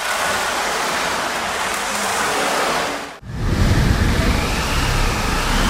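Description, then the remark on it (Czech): Steady, loud rushing, hissing noise like wind and rain from a theatre sound-effect machine at an exhibition, one of four machines simulating wind, rain and thunder, some using crank-turned cylinders filled with loose material; it cuts off briefly, then resumes with a deeper, rumbling rush. “Jsou tady čtyři stroje, které simulují různé zvuky.”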